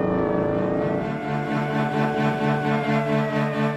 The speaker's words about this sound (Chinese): 又一辆警车过后